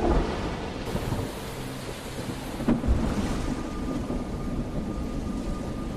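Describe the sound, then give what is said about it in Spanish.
A thunderstorm rages over crashing waves at a beach lit by lightning, with a steady roar of rain and surf and a deep thunder rumble swelling near the middle, loud with no voices. “Otros se quedaron para observar la línea de cabezas meneantes que aún se veía por encima de las ascendientes olas cada vez que un relámpago iluminaba la playa.”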